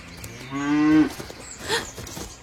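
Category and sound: animal, cow mooing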